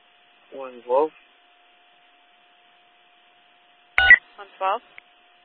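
Telephone dialing tones as someone places a call: two short bursts of beeping tones about three seconds apart, the second preceded by a sharp click, with a faint steady hum running underneath.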